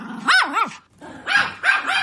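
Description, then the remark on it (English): A dog barks in quick, strained bursts: a pair of barks, a brief pause, then another volley of yelping, slightly growly barks. No one speaks. “People just let their dog bark, bark, bark, bark, bark, bark, bark.”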